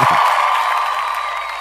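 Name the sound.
applause and cheering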